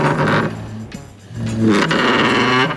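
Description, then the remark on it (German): A chair is dragged across the floor in two loud scrapes, a short one and then a longer one, with a squealing, groaning tone over the rough friction noise. “Leider nicht, es wäre ein Stuhl gewesen.”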